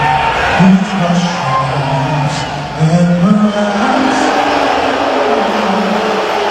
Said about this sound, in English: There were loud boos from the crowd when he was shown on the Jumbotron during the anthem at Madison Square Garden.